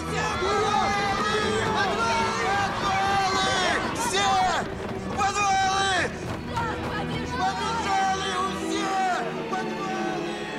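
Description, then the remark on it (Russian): A crowd of soldiers shout and yell together while running toward the gates, loud, their overlapping cries continuing for the whole stretch with the hurried clatter of movement underneath; a sergeant shouts. “Люди встают, помогают друг другу. Все бегут к воротам. Старшина кричит.”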